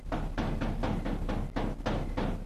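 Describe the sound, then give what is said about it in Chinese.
A door is knocked on in a quick, steady series of about eight firm raps, each a dull thud at an even pace, with no voices. “外面有人敲门。”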